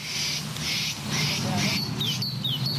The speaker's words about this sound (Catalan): Què és això? Allà, això són els ocells.